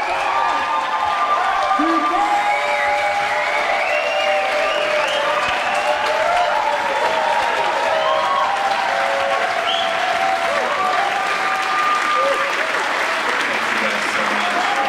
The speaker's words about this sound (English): Welcomed in with applause